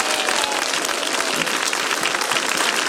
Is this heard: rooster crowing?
no